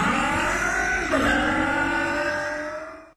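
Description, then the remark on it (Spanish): A motorcycle engine revs loudly and steadily, its pitch climbing with a sharp throttle blip about a second in, then the roar holds before cutting off abruptly, in a radio ad for Top Lube 4T motor oil by Bardal. No talking. “logra más potencia en tu moto.”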